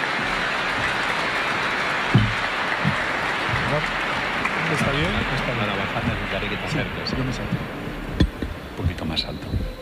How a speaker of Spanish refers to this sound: Vamos a recibirle, a escucharle con mucha atención y a poder aprender un poco de lo que nos va a comunicar. Le recibimos con un fuerte aplauso y damos gracias al Señor.